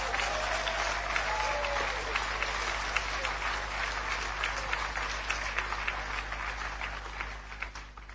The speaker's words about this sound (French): On peut applaudir le Seigneur, vraiment l'applaudir. Hein.